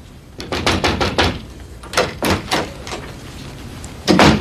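Knuckles rap on a wooden door in quick bursts, a run of about five knocks, then a few more after a pause, and finally two louder, close raps. No one speaks.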